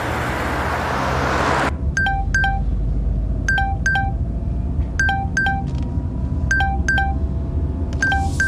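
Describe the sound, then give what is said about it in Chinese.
Telephone keypad tones beep in quick pairs as someone dials to return a phone call, about a dozen crisp dialing notes spaced fairly evenly, following a short burst of hiss, with a steady low rumble underneath and no voices. “哦，对了，别忘了给你家钱老五回电话。”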